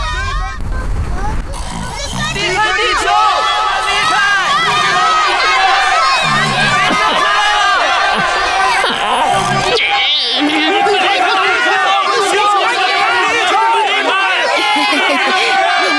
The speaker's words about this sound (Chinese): 我讨厌这样的呼喊声。